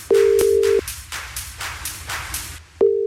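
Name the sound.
telephone ringing tone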